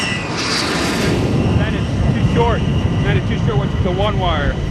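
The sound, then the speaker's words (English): Loud, steady roar of a Tomcat jet fighter's engines on approach to an aircraft carrier deck at 28 knots, about a quarter mile out, continuous, with clipped radio voices talking over the noise. “115, Tomcat ball, 8.0. Roger, ball, 28 knots, down the angle.”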